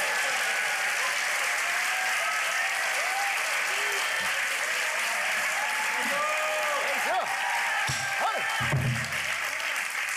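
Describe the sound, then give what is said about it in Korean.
An audience at a performance claps steadily throughout, a dense wash of applause with scattered vocal calls and short rising voice sounds mixed in toward the end. “얼씨구 박수 좀 치십니다.”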